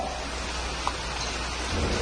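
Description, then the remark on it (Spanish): Heavy rain pours steadily in a dense, continuous hiss, with a deep thunder rumble underneath that swells slightly toward the end. No voices are present. “La lluvia seguía sin parar y pudo arropar su voz.”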